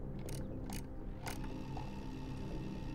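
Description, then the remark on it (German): A recording being fast-forwarded: a steady mechanical whirring and grinding, broken early on by three quick sharp clicks, constant, with no voices. “Spulen Sie ein bisschen vor.”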